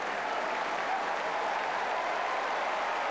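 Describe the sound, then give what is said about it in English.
A large tennis stadium crowd cheers and applauds steadily as the players walk out together, a dense, continuous roar of clapping that holds at an even level throughout, with no voices standing out. “And of course, as soon as they do and the crowd spot them, you'll hear the cheers.”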